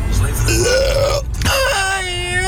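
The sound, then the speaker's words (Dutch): A long, loud, drawn-out burp with a rising, croaking tone, broken by a brief pause and then continuing into a second stretched belch, from a listener's audio message from Hellendoorn played on the radio. “Gewoon een boer laat op de radio, ja.”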